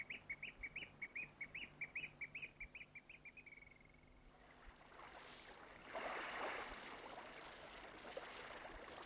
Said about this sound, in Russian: Да ты послушай. Соловей. Соловей.